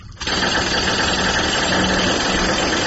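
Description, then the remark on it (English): A jackhammer starts up at 2:30 in the morning after a brief quiet moment and keeps running, a loud, steady, rattling machine roar that continues unbroken to the end with no voices. “I mean, where do you get a jackhammer at 2:30 in the morning?”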